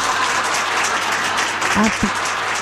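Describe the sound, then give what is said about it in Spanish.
A crowd applauds in a dense, steady wash of clapping that holds at an even loudness throughout, with a brief voice rising faintly beneath it near the end. “Bueno, aplausos.”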